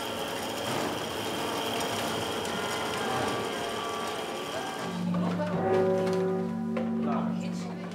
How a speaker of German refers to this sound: Aber eine Führung zum Inneren der Kirchturmuhr. Sekunde um Sekunde wie Hammerschläge. Das Uhrwerk, alte analoge Technik, aber präzise und mit dem Glockenspiel verbunden, das zu festen Zeiten erklingt.